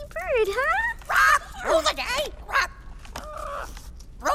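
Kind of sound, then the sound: bird, parrot vocalizing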